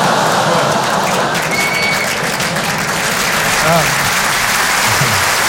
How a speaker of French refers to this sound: Applaudir là-dessus, c'est génial.